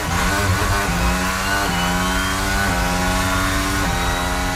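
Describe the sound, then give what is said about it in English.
A Formula One race car engine screams at a high, steady pitch, with rapid gear shifts stepping the tone up several times. Loud and continuous throughout, with no voices. “If you're a fan of Formula One, that sound might be giving you adrenaline.”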